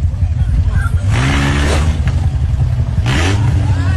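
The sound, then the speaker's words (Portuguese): A red car's engine revs hard twice in quick succession as its driver, surrounded by motorcyclists in Belo Horizonte, tries to accelerate, each surge rising in pitch over a constant, loud low rumble, aggressive. “O carro é cercado, ele tenta acelerar e leva um soco de um dos motoqueiros.”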